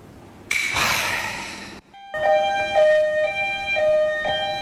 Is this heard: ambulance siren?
yes